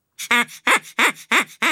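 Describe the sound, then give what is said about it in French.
A duck quacks angrily in a quick run of five loud, harsh, nasal bursts, evenly spaced, with no talking around them. “Il n'a pas l'air content du tout.”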